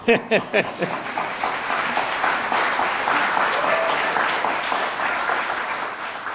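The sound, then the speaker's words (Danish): A festival audience applauds steadily for the performing musicians, a dense wash of many hands clapping that holds for several seconds, with a few distinct claps standing out at the start. “Og jeg kan høre, at I allerede er rigtig gode til at klappe.”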